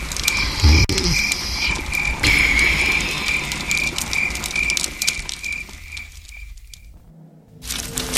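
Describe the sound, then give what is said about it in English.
Night ambience of a thick forest with steady croaking frogs, a rhythmic high-pitched pulsing chorus over a dense hiss of insects. The sound drops out briefly near the end, then returns. “I'd call this more a forest. A thick forest.”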